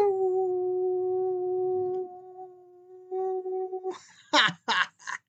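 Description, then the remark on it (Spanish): A person gives a long, steady howl held for about four seconds, loud, imitating a wolf, followed by a few short, breathy bursts. “Entonces, les envío un gran aullido.”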